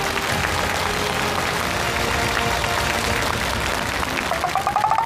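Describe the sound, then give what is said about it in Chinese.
An audience applauds steadily for about five seconds, a dense, even wash of many hands clapping, welcoming Zhou Yong, founder of Lingxing Qiaoshou, and Zhang Kangrong, founder and CEO of Lingmei Intelligence, with a short rising tonal note creeping in near the end. “让我们掌声有请零星巧手创始人周勇和他的好朋友灵美智能创始人 CEO 张康荣，有请。”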